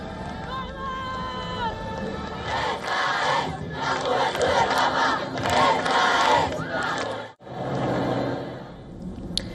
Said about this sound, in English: People cheer as the Pope arrives in his Pope Mobile, waving flags, throwing flower petals and shouting, "Long live the Pope!"